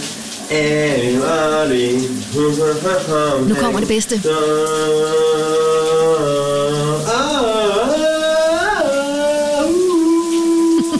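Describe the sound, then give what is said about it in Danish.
A man sings a wavering, sustained melody in the morning over the steady hiss of running shower water, his voice sliding between held notes, with a few spoken words at the start. “Under bruseren kan du høre, hvad dagens brusebredsit er.”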